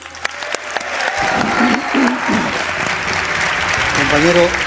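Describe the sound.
An audience bursts into applause for a guest, a journalist, as he is introduced; steady dense clapping that builds quickly and holds loud, with a few voices and a cheer rising through it toward the end.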